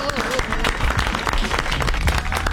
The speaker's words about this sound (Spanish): El aplauso.